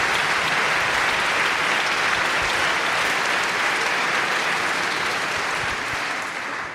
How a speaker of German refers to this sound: Und deshalb bitte ich auch nochmal um einen freundlichen Applaus